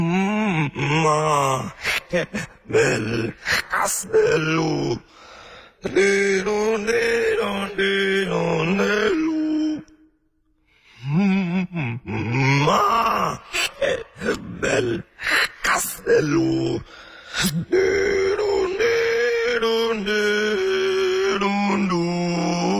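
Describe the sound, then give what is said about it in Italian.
A lone voice sings a simple childlike nursery tune from a children's game while breathing in, voicing on the inhalation, giving a strained, gasping, groan-like tone; the loud phrases run with one short pause midway. “È semplicemente un processo di fonazione non attraverso il processo di espirazione, ma attraverso il processo di inspirazione.”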